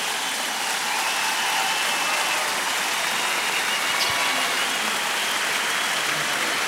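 A crowd applauds steadily, a dense, even wash of clapping that holds at a constant level for several seconds with no voices on top.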